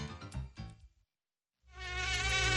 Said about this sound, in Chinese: 人们又发现了蚊子隐蔽的发声器官，它们发出的嗡嗡声又暗藏着怎样的玄机？